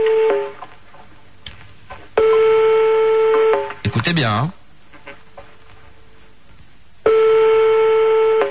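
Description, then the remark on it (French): A telephone line rings with long steady electronic tones separated by pauses as a call is placed to Bordeaux, a burst of warbling dial tones in between, and a brief spoken phrase near the start. “Ah, ça va décrocher, j'espère.”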